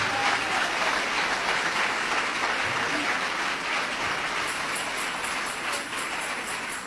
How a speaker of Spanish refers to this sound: Dele ese aplauso de alabanza y de victoria al Señor.